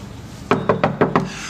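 Five quick, evenly spaced knocks on a wooden door, firm, with nothing else but a faint background hush.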